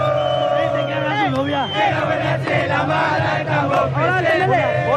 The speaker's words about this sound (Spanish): Mira, la gente alienta, acá hay calor. Acá se siente la vibra del pueblo azulgrana totalmente minado. La gente esperando para entrar en la zona de gradería, explotando.